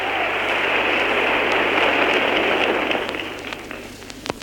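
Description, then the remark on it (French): Thunderous applause from a large crowd at a cinema gathering as the film's director Jean Renoir steps forward, a loud, dense wash of clapping that holds steady, then thins out toward the end, leaving a few scattered claps. “Un tonnerre d'applaudissements souligne son apparition.”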